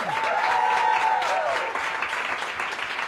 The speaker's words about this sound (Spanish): Y daros un aplauso inmenso y tocaros y besaros a vosotros y vosotras mismas, que sois maravilla del mundo. Aplauso para vosotros.